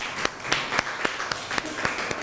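A group of students in northern Thailand applauds a classmate, clapping together in a steady, even rhythm of about nine sharp beats over a dense bed of scattered claps. Moderately loud, with no talking.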